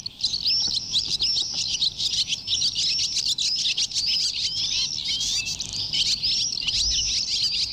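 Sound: barn swallows calling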